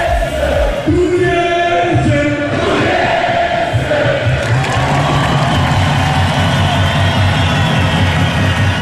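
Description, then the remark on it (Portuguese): A loud, dense street celebration in Torres Vedras, Portugal: a crowd of Torriense football fans cheering and chanting after their club won the Taça de Portugal, over rumbling vehicle engines, with sustained horn-like tones sounding throughout. “Até lá, a festa vai-se fazendo assim.”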